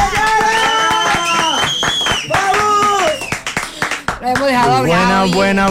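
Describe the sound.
A crowd claps and cheers, with a steady patter of hand claps under loud, rising and falling whoops and shouting voices for several seconds.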